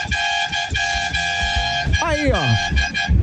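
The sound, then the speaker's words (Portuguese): Vehicle horns from truck drivers, taxi drivers and other people blare in long, steady blasts with short breaks between them for the Band FM radio show Band Coruja, one tone sliding downward in pitch partway through, while a person speaks briefly over the loud honking. “Ó, não é só, ó, é caminhoneiro, é taxista, é todo tipo de gente buzinando.”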